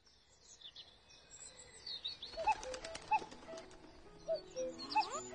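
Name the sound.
common cuckoo calling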